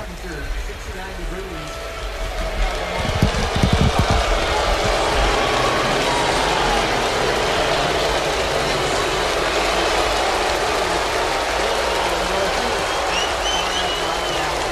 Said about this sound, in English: Well, half standing and clapping, and as you can hear, plenty of boos. That's kind of what I expected.